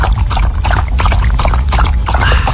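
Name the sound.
dog drinking water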